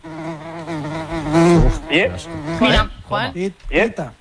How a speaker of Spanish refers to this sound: Mosca. Sí, sí, es una mosca.